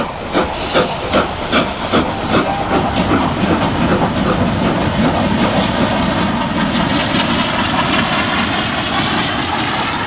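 train running on rails

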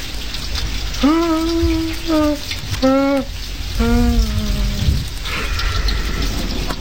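rain falling

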